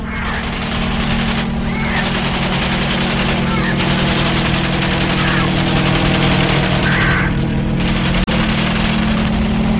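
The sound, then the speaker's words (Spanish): A helicopter swoops toward Calimán, firing its machine guns. Its engine and rotors drone loudly and steadily throughout, a thick continuous roar with a deep low hum, broken only by one sharp crack near the end. “Continúan el descenso mientras el pequeño Solín ve cómo el helicóptero se lanza hacia Calimán, accionando sus ametralladoras.”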